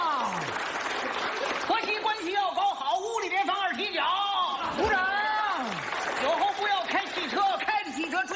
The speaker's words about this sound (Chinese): 长时间鼓掌！